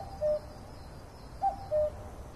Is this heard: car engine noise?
no